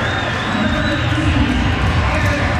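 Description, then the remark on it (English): A large baseball stadium crowd of Giants fans roars and cheers steadily after a walk forces in a run to make it 13-2, a dense, continuous wall of voices with scattered shouts rising above it, loud and sustained throughout with no pauses. “Listen to these fans.”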